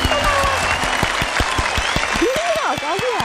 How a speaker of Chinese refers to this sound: 儿子鼓掌。